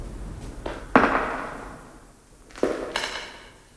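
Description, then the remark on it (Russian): A few slow, heavy footsteps ring out in an echoing space, each sharp step trailing off in reverberation, with pauses between them and no voices. “Это не эхо. Чьи-то шаги.”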